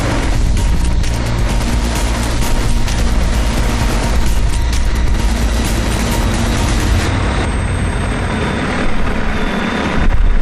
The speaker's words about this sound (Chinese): 通过无人机运送苗木和刻土，一般来回仅需要5-6分钟。一天算下来，一台无人机就可以完成8至14匹骡马的工作量。